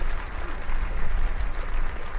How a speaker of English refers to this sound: you're going to hear the claps here. They're starting to move the player from both sides of the field.